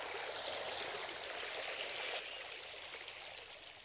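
A steady rush of flowing mountain river water, continuous, with bright splashing texture and no voices, the burble shifting slightly softer partway through.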